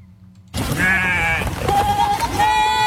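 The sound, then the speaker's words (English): A herd of goats used to clear wildfire fuel in California bleats loudly, several overlapping wavering cries rising at once after a brief near-silent moment, over a busy rustling background. “The 1,000 or so goats of Green Goat Landscapers are tasked with clearing fire fuel, a critical piece of the state's defense against wildfires.”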